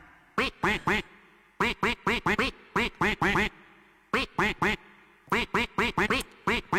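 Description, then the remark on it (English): A duck's quacks are strung into a song melody, about thirty sharp quacks grouped in rhythmic bursts with short pauses between phrases, loud and clear with no talking. “the duck is going to quack a melody.”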